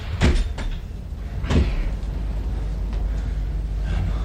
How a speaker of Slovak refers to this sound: Rýchlo, zatvorte dvere!